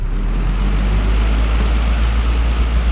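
An electric fan runs steadily in an attic flat in Zitzers on a warm night, giving off a constant airy whoosh over a deep, droning hum, much like an airplane cabin. The level never changes and no one speaks.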